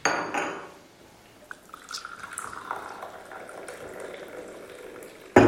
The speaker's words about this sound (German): Können uns ja erstmal einen Kaffee einschenken.